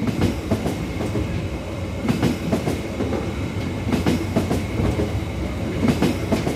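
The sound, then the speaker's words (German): Train wheels clatter over rail joints in a steady, repeating clickety-clack, paired knocks recurring every couple of seconds over a continuous low rumble of a moving carriage. “Und beim Zug ist mir das Tatubatum so aufgefallen.”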